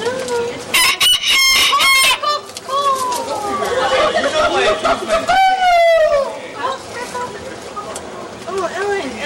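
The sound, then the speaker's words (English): A loud rooster crow rises out of a busy flock of chickens clucking and squawking continuously, with sharp bursts of flapping and chatter throughout. “Yes, chickens pecking out eyes and dangly genitalia.”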